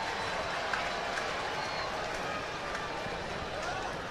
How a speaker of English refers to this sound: Crowd come to life a little bit, recognizing what's at stake here in the top half of the fifth inning.